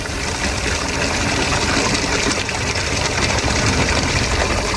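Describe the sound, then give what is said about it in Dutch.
A military water tanker truck delivering water rumbles steadily at a low idle, a loud continuous drone with rough mechanical texture and no voices throughout. “Met een militaire tankwagen wordt het water aangevoerd. En als de wagen de straat binnenrijdt, komen alle dames met wasketels en pannen naar buiten.”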